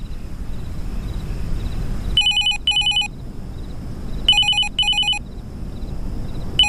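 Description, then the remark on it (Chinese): A telephone rings in two double bursts, each a pair of short electronic trills, clear over a low steady background hum with no talking. “接吧，这个点来电话肯定是石小娜，听听她怎么跟你解释。”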